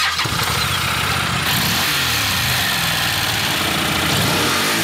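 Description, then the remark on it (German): A Honda NC750X motorcycle engine starts and runs loud, its rumble rising and falling as the throttle is blipped and revved repeatedly, with no one talking over it. “Das ist das gute Stück. NC750X. Eine Honda.”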